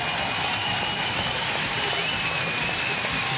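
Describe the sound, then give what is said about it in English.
A stadium crowd roars after Harriet Evans wins a race, a dense, steady wash of cheering that stays loud and even for the whole stretch, with no single voice standing out. “The roar of the crowd.”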